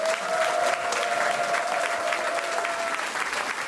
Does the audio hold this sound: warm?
yes